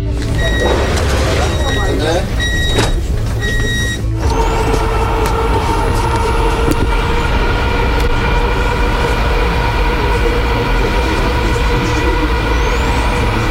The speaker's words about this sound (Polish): Przed nami pierwszy przejazd, można powiedzieć, z pasażerami. Państwo będą pierwszymi pasażerami, chociaż pociągi testowe jeżdżą już od około 2 tygodni.